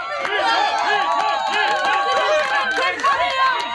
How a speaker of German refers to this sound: Für ein paar Sekunden herrschte absolute Stille. Dann setzte die Menschenmenge zum Beifall an. Jubel, Ruhm, Anerkennung.